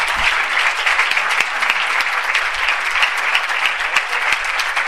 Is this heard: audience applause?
yes